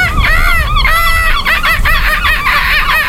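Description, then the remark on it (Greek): A person imitates a seagull with a rapid, continuous string of loud, shrill, squawking cries that rise and fall. “Μπορεί να κάνεις και το γλάρο.”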